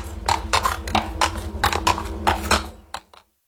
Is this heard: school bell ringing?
no